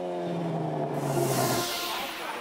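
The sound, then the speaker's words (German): A car engine revs hard at a charity car show of classic and American cars in Fuldabrück, Germany, its loud exhaust note climbing in pitch and roaring, then surging into a broad, rushing blast that stays strong to the end. “Die Szene schätzt besonders die Lautstärke vom Auspuff.”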